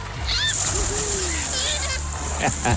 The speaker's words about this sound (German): Wasserarschbomben und glückliche Schwimmer werden wir erleben, wenn das Volkacher Freibad am Pfingstwochenende nach der langen Sanierung endlich wieder aufmacht.